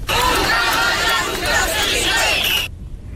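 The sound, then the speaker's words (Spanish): A large street protest crowd marching through central Ceuta, at a demonstration called by the fire brigade and joined by hundreds of residents, shouts slogans together. It is a loud, dense mass of overlapping voices that holds steady for nearly three seconds before cutting off abruptly. “Con estos gritos han recorrido las calles del centro de Ceuta, pues bajo ese lema, hasta que han llegado a la Plaza de los Reyes y han desplegado una enorme bandera de España desde un camión de bomberos como signo de unidad.”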